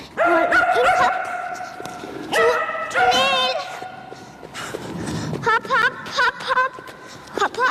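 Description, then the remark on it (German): A 10-year-old Shetland Sheepdog barks in repeated high, sharp yips, loud, in quick bursts with short pauses, mixed with excited whines and some thuds and movement noise, as it runs an agility course in a training hall with a 7-year-old girl. “So hört es sich an, wenn Letizia mit ihrem Hund Keks durch den Parcours in der Trainingshalle rennt.”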